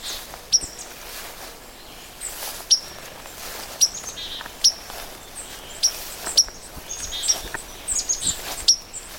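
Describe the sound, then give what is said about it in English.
A white-throated sparrow repeats a sharp, metallic 'pink' alarm note at irregular intervals, about ten short calls, clear over a soft outdoor background, with faint chirps from other birds. “I think you can hear that rather distinct kind of alarm note. I call it pink, pink.”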